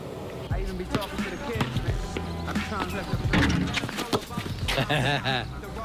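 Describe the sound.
A basketball bounces repeatedly on a hard court during a game of horse, its sharp thuds coming in an uneven rhythm, fairly loud, with people's voices talking in the background.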